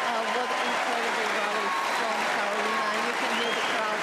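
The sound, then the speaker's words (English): A tennis crowd applauds steadily for the full four seconds after a long rally won by Muchova, a dense, loud wash of clapping with indistinct voices murmuring and calling underneath. “You can hear the crowd.”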